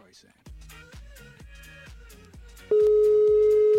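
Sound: telephone line tone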